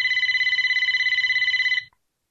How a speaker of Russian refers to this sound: Вдруг пронзительно зазвонил телефон.